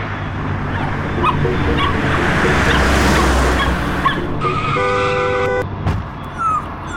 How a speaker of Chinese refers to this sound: 哎，那只狗狗好像被撞到，哎，怎么办？ 好可怕，赶快走啦！